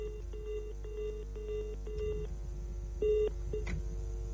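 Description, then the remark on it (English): A rapid series of telephone keypad dialing tones, short paired beeps pressed one after another with brief gaps, fairly clear over a low steady hum, no voices present. “We're still working the phone lines to get them on the line to speak to us.”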